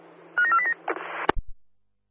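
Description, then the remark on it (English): A disabled-toilet emergency alarm being checked: a quick run of high electronic beeping tones, followed by a short crackling burst and a sharp click before it cuts to silence. “we've got the alarm, thanks.”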